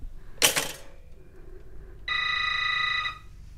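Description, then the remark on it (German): After a brief sharp clatter, a telephone rings once, a bright, steady, high-pitched tone lasting about a second before cutting off. No one speaks. “Na, dann lass es klingeln.”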